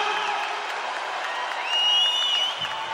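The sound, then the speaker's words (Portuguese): An audience claps for Jesus in a dense, continuous wash of applause, with scattered cheers and a high, wavering whoop rising over it partway through, aired on Paraná Gospel. Loud and sustained throughout. “Uma salva de palmas bem mais forte para Jesus!”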